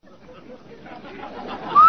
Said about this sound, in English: Hey, Anna, did you hear that whistle? Sure did, Amos. That whistle means rinse so white, rinse so bright, rinse so new.